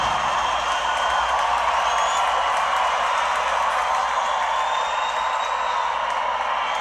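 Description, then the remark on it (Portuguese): A large audience in São Paulo applauds loudly and steadily for about seven seconds, a dense wash of clapping mixed with crowd cheering, with no pauses or talking. “Aplausos.”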